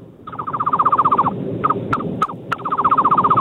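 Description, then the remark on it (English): A man imitates a bird call with his voice, a rapid rattling trill of repeated chirps that pauses briefly, breaks into a few sharp clicks, then resumes, loud. “best bird noise”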